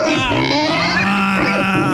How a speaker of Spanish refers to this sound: cada participante tiene un sonido. El Diablito es el puerco.